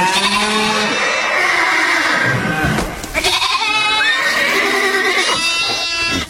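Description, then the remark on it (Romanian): A dense chorus of farm animals, countless herds of horses, cattle and sheep, fills the scene: horses neighing and whinnying over bleating sheep and low cattle moos, loud and continuous like a large herd milling about. “Apoi, deschizând lada împreună, nenumărate herghelii de cai, cirez de vite și turme de oi ies din ea, încât moșneagul pe loc a întinerit văzând atâtea bogății.”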